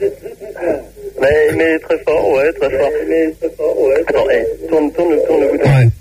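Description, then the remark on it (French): A radio plays in the background, its broadcast voices steady and slightly tinny, running continuously beneath and between a person's talk on the line. “Bon, je sais, ils ont la radio derrière depuis tout à l'heure.”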